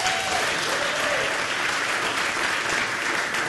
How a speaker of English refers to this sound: So we welcome her to the stage with a big round of applause.